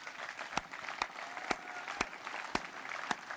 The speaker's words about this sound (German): Und ja, Applaus.